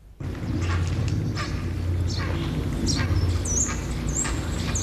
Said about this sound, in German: Die meisten stehen ja schon auf ihren Horsten hier und sind schon fest am Brüten. Wir stehen eben gerade unter einem Baum, da sind 6 besetzte Horste drauf. Das sind eigenartige Schreie